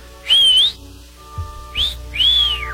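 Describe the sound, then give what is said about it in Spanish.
A loud catcall whistle made by a person at a woman, a common whistle known to the ladies of Culiacán: a sliding high note, a brief chirp, then a long rising-and-falling note. It sounds clear with no talking. “¿Por qué me chiflas? Si no soy de la calle.”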